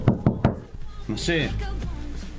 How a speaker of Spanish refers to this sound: Y tenés que golpear la puerta. No, podés golpear la puerta. Estuve recién y me olvidé algo.